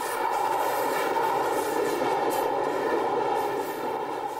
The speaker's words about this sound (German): Die Bahn brachte das beschauliche Dorfleben kräftig durcheinander. Wie ein übermächtiger Lindwurm schießt der Zug aus seinem Loch in die Idylle.